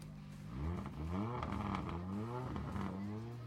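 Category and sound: vehicle, rally car engines roaring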